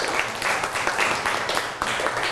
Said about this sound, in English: Clap your hand for her. Good job.